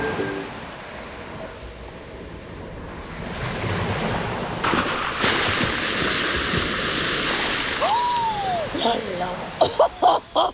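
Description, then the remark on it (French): Ocean surf rolls and crashes in a steady roar that swells louder midway, with wind noise, a brief rising whistle-like tone, and a few sharp bursts near the end. “Je surfais tranquillement et puis il y a eu cette autre vague là.”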